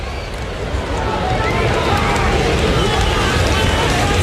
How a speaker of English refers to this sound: It's an uneasy crowd now here in Cleveland.